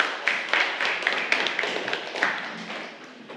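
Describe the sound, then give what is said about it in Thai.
A class of students claps for a student representative in a quick, uneven patter, with several sharp slaps standing out over a steady rustle of hands, gradually tapering off. No one speaks. “ขอเสียงปรบมือให้กับตัวแทนด้วยค่ะขอบคุณค่ะ”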